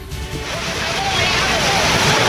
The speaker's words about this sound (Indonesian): akibat luapan air sungai jembatan darurat penghubung antar desa kembali putus